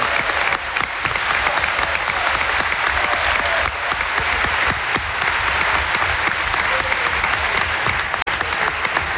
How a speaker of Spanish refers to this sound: Y a Libre, mientras hay aplausos, está encantado con los aplausos. Es la persona que más aplaude, Villalibre, con diferencia.